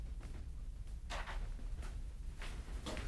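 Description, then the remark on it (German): A door is pushed shut with a few soft, quick scraping bursts and rustles, fairly quiet over a low background rumble, with no one talking. “Mach die Tür zu.”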